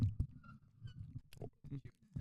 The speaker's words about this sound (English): I'm chewing right now.